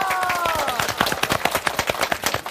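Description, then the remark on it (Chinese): A crowd breaks into steady, dense applause to encourage a guest to try an instrument made from building materials, many hands clapping in a quick irregular patter that holds its level throughout, with a brief voiced cry rising over the start. “试一下， 掌声鼓励一下好不好？”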